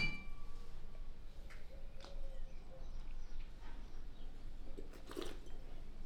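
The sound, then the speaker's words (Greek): Glasses of Blanc de Blancs, 100% Chardonnay wine, clink together in a toast, with a few bright chiming taps and a short ringing tone over a low hum. Nobody speaks. “Ήρθε η ώρα να δροσιστούμε. Μπράβο. Εδώ έχουμε ένα Blanc de Blanc, 100% Chardonnay. Στην υγειά μας.”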